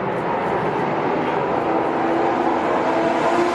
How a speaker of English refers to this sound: It's considered the most elite of all racing leagues, where cars from celebrated automakers rocket down the track at speeds reaching 220 miles an hour.